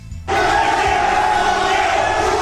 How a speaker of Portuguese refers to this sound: Aí vocês estão vendo o momento da gritaria, ó.